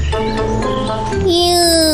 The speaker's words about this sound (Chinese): 是小鸟在枝头唱歌。我听到小鸟的声音， 我听到小鸟的声音，在哪里？